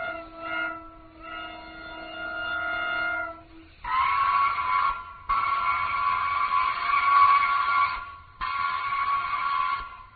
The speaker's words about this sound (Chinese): 火车就要开了。